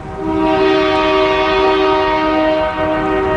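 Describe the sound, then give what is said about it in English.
A loud, sustained train horn blares steadily for a few seconds as a train calls for a raised rail bridge over a canal to be lowered, its chord of harmonic tones held without a break, heard alone without any talking. “The bridge is actually in the up position at all times until a train calls for it.”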